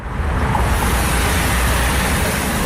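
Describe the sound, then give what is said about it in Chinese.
A dense, continuous roar of heavy traffic on the Tangrui Expressway in Yunnan, China, during the return-travel peak, steady and loud throughout with deep rumbling low end and no distinct passing vehicles standing out; no one speaks. “唐瑞高速是云南全省车流量最大的通道之一，今天迎来返程高峰，车流量持续高位运行。”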